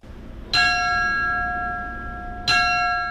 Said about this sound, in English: That's firefighter Tommy Wolf ringing Woodbury's last alarm.